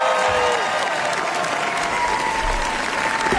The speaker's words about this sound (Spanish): Y estos son aplausos que, bueno, podría ser para nuestra corresponsal, pero no, son para Pedro Almodóvar en el Festival de Cannes. Le gustó mucho al público asistente, críticos, etcétera, Amarga Navidad.